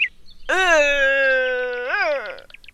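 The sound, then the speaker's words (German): A red deer stag's rutting roar: one long, loud, drawn-out moaning bellow with a rich, buzzy tone that holds steady, then swells upward and falls away at the end. “Ja, damit rufen sie die weiblichen Rehe und zeigen anderen Hirschen, dass sie in der Nähe sind, damit diese sich besser von ihnen fernhalten.”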